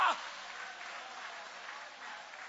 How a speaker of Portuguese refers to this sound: Joga a mão para cima então e aplaude o nome dele.